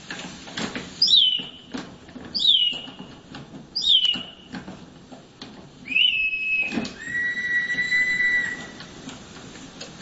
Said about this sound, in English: inside there's a little bellow, and it causes air to pass through that bellow, which causes a whistle to sound off, which makes the bird sound like it sings. In fact, we've got a sound of it.